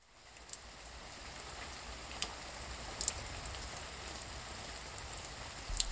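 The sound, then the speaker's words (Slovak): Steady rain falls in an even, continuous hiss, with a few sharper drops pattering now and then. It is fairly soft, and no voices are heard. “Prší, prší. Prší, prší jednotvárne.”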